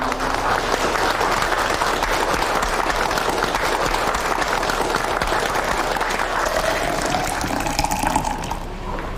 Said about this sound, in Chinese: 没想到啊，没想到啊，让我们为曹公这种大公无私的精神鼓掌。